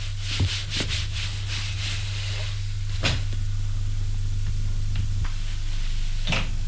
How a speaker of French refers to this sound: La porte s'est ouverte et entre son oncle.